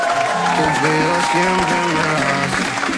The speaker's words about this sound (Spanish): Y este aplauso de todos nosotros es para vos.